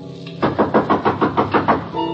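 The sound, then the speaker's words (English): A rapid, even series of about eight firm knocks on a door, steady in rhythm and fairly loud, over a low constant hum, with no voices. “Someone's at the door.”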